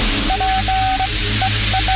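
Crackling radio static with a steady low hum, broken by a clear mid-pitched beeping tone that switches on and off in short and long bursts: an intercepted Morse code message signalling S.O.S., a call for help.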